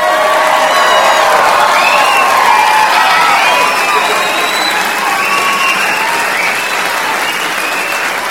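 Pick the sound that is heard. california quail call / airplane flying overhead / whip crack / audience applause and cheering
audience applause and cheering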